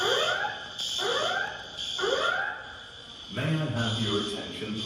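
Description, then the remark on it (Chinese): An airport alarm in Terminal 3 of King Khalid International Airport, Riyadh, Saudi Arabia, sounding after an explosion, repeats a wailing, arcing tone roughly once per second over a steady high whine, echoing in the large terminal hall, then an emergency evacuation broadcast over the loudspeaker begins near the end. “据目击者称，沙特首都利雅得哈利德国王国际机场3号航站楼，当地时间10日下午传出爆炸声，机场内大厅随即响起警报，同时播放紧急撤离广播。”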